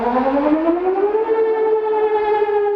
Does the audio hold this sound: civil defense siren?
yes